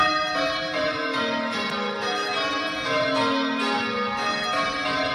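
Bell ringers ring the tower bells of the Bathurst Bell Tower in a continuous, overlapping peal, their rich metallic tones layering and sustaining without pause, loud and resonant with no voices present.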